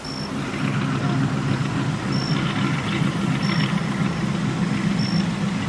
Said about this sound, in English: It was kind of refreshing after a long day of travel, and I actually enjoyed the hum from the 40 horsepower motor in the rear.